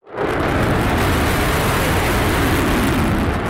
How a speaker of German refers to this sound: Der F-35 ist alles andere als ein diskreter Vogel. Eine Lautstärke von über 100 Dezibel bringt er beim Start problemlos her. Das ist etwa so laut, wie wenn man einen Meter neben einem Presslufthammer steht.